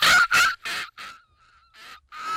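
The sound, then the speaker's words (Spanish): A hoarse, raspy seagull call repeated in a quick series of about six harsh squawks, loud, with a brief quieter dip in the middle and no talking. “Tiene una raspera muy, muy de gaviota, la raspera esa que le sale, muy de gaviota ya viejita, ¿no?”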